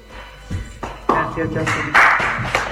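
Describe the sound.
An audience breaks into applause that swells into loud, dense clapping with some cheering voices mixed in, growing fuller and stronger toward the end.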